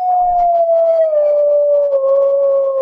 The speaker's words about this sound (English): Now, most of us who live in the country around Elgin County have heard this. And those are coyotes. I have heard them out in the woods and fields behind my house before, but I don't think I've heard gray wolves.